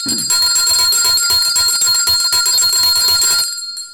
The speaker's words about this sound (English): I have to ring the bell for this.